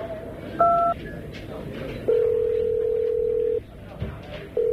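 A telephone keypad beep, followed by a long, steady electronic ring tone that pauses briefly and then starts again, heard clearly over a faint murmur of background noise.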